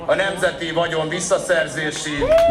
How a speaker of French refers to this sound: La prison, scande la foule.